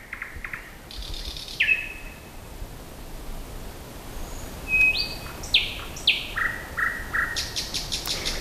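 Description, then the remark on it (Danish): A nightingale sings alone outdoors at night around Søndersø: sharp whistled notes, rising sweeps and rapid repeated chirps in quick varied phrases over a faint hiss of background noise. “Jo, Nattergalen.”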